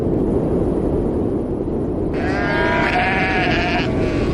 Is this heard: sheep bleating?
yes